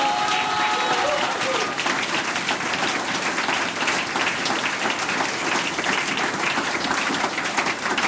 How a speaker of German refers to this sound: Radiopremiere heute für die … da aus Trofeiach. Großartig, das ist euer Applaus.